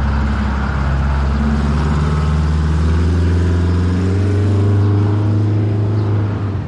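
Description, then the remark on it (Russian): A blue bus approaching a stop rumbles loudly, its deep engine drone holding steady with slight shifts in pitch as the vehicle eases along. No voices. “Только Катя подошла к остановке, в конце улицы показался синий автобус.”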